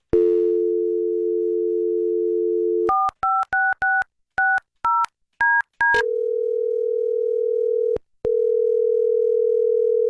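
A phone dial tone hums for a few seconds, then about ten quick touch-tone keypad beeps, followed by a steady ringing tone with one brief break. Loud and close, no voices.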